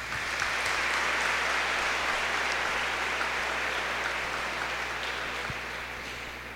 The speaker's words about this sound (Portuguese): Palmas para ele, né?